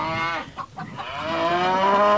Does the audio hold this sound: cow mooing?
yes